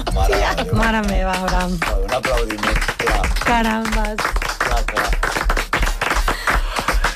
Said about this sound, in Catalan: Un aplaudimiento.